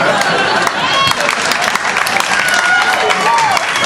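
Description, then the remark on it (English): Loud audience applause with dense, steady clapping that continues throughout, mixed with crowd laughter and cheering; a woman in the audience is laughing and clapping. “She's laughing, she's clapping, she's not yelling anything.”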